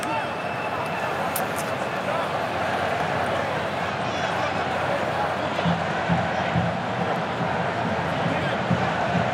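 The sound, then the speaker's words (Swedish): A stadium crowd of red-clad supporters applauds Spain's first corner kick of the match at 0-0, a steady, dense wash of clapping and cheering that holds at an even level for the full nine seconds without any single standout clap. “Ja, här kommer första hörnan och applåder från de röda utav portrarna som är på plats.”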